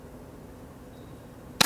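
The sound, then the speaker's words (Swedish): A single sharp gunshot from a shooter at a shooting range during a shooting competition cracks out abruptly at the very end, loud and brief, after more than a second of quiet, steady low background noise with no talking. The shot misses the target. “Där kom skottet.”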